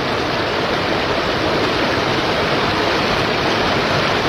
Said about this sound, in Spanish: El gran caudal de agua que no cesa en Avenida José Moreno entre Avenida Pedro Goyena y Valle. Todavía no se logró desahogar el pozo ni cambiar las válvulas.